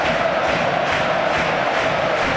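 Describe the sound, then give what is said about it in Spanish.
A stadium crowd, including Cádiz fans, cheers and applauds while doing the wave, a loud, unbroken roar swelling briefly about twice a second. No voices stand out. “Y la gente aplaudiendo y la gente disfrutando, lógicamente.”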